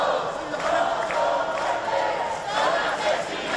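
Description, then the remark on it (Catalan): A large protest crowd in Madrid, campers from the Puerta del Sol who moved to the Congreso de los Diputados shortly before 9 in the evening, shouts "assassins" and "shame" in a sustained, dense roar with rhythmic chant-like swells. Loud and continuous. “Ahir vespre, just quan es va conèixer la notícia, poc abans de les 9, de manera espontània, molts dels acampats a Madrid, a la Puerta del Sol, es van desplaçar cap al Congrés dels Diputats amb crits d'assassins i de vergonya.”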